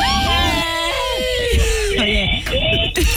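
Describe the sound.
A person screams loudly and at length, a shrill, strained cry that wavers in pitch for about three seconds, with other voices overlapping in the background.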